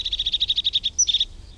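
A blue tit sings a rapid, even trill of about a dozen high notes, then a brief higher note and a short buzzy flourish, clear with no voices.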